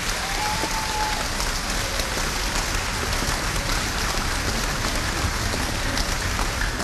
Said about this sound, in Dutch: En dat is zo waardevol dat die mensen dat allemaal in hun vrije tijd voor jullie willen doen, dat zij misschien wel de kanjers zijn die het grootste applaus voor nu verdienen.